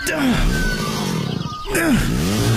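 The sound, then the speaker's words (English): Two loud pull-start attempts on a chainsaw: each time the engine briefly splutters into a rough, rumbling whine that sinks in pitch and dies without catching. “Dang, it won't start.”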